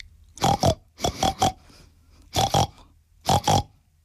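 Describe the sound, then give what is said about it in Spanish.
A voice imitates a big pink pig in a told story, speaking 'pig language': four quick bursts of nasal grunts and oinks, two or three squeals per burst, fairly loud with short pauses between. “Un cerdo, que solo hablaba cerdés. Y el cerdo, en cerdés, dijo así.”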